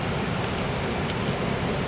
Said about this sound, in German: Eine plötzliche Böe. Blätter rascheln heftig.